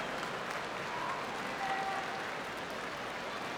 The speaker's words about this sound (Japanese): 両者の当たり合い、押し合いという相撲に館内は大歓声が上がりました。